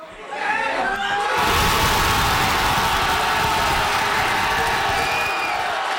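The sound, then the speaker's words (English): A crowd at a soccer watch party in a Fredericton pub erupts in a sudden roar of cheering and shouting after a brief moment of murmuring, the loud, dense noise holding steady for several seconds, as Canada's men's team scores in extra time against South Africa at the World Cup. “That was the crowd at a watch party at a Fredericton pub the moment Canada's men's team scored in extra time.”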